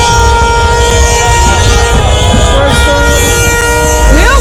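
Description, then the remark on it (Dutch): Many car horns blare together in a loud, continuous, overlapping din, with a noisy crowd underneath and a rising tone near the end, as Moroccan Dutch people celebrate in the streets of the Netherlands after Morocco won on penalties. “Toeteren allemaal, joh.”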